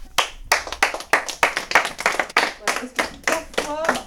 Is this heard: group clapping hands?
yes